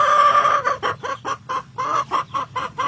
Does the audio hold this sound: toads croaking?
no